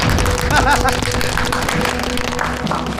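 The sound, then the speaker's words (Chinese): A crowd applauds steadily for about three seconds at the founding meeting of the Haiyang County anti-bandit detective brigade, a dense, even wash of many hands clapping, with voices murmuring and calling out underneath. “海阳县护城反匪侦缉行大队成立大会现在开会， 鼓掌。”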